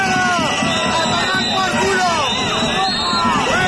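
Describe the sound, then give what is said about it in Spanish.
About 200 protesters shout and boo the president of Aragón at an event in Huesca, Spain, in a loud, continuous roar, many raised voices overlapping with no pause throughout. “por la mañana, gritos y abucheos de 200 manifestantes al presidente de Aragón en un acto en Huesca.”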